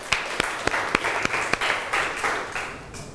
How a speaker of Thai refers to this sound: ขอเสียงปรบมือให้ตัวเองอีกครั้งหนึ่งครับ